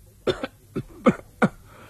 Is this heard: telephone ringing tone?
no